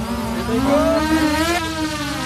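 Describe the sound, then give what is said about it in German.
A steady, loud motor whir from an attack drone launched by a military team during a demonstration at the Thun military training ground, chasing an infantry fighting vehicle. Its buzzing harmonic drone holds throughout with a slight rise and fall in pitch. No voices. “Das nächste Team startet eine Angriffsdrohne.”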